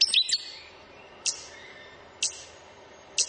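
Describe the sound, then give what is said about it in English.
A hihi (stitchbird) gives sharp, high-pitched calls: a quick cluster of notes at first, then single clipped 'stitch' notes repeating about once a second against a quiet outdoor background. “The hihi, the stitch bird.”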